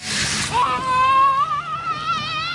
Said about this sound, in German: Um die Mittagszeit toben einige Kita-Gruppen durch die Wasserfontänen an der Kinderplansche im Volkspark Friedrichshain. Einige Kinder fröstelt es sogar, denn das Wasser ist nur etwa 18 Grad kalt. Die Abkühlung ist garantiert.